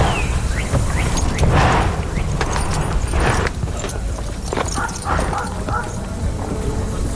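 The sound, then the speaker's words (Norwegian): Horse hooves clip-clop in a steady rhythm against a busy, noisy background, with a dog barking and yipping now and then. “Vi skal lige have parkeret hesten først, så er vi klar til det.”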